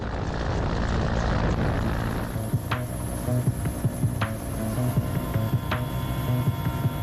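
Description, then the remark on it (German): A helicopter's steady, heavy rotor drone fills the scene, with a deep throbbing rumble and occasional sharp clicks or clanks cutting through. No one speaks. “Es gibt Situationen, in denen ein Hubschrauber aus dem einen oder anderen Grund nicht landen kann.”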